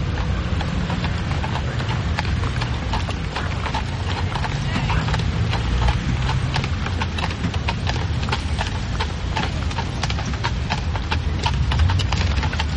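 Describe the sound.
Steady, rhythmic clip-clop of horse hooves pulling a carriage at the railway station in Avignon, with the rumble of wheels underneath and voices talking in Hungarian over the bustle.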